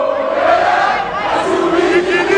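Congolese football supporters in the stadium in Atlanta chant loudly in unison while dancing in a circle at the final whistle of their team's 3-1 win over Uzbekistan. A dense crowd of voices holds a sustained melodic line that steps down in pitch midway, continuous without any break.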